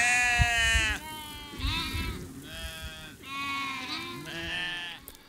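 sheep bleating

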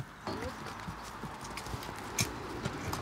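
horse hooves clip-clopping

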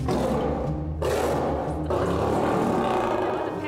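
lion roaring

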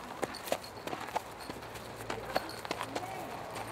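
racehorses' hooves walking

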